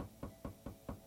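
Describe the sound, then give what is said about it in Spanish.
Four firm knocks on a door in a steady, evenly spaced rhythm, fairly loud, with no voices. “Sino porque ciertos recuerdos del pasado van a volver a tocar tu puerta. Así.”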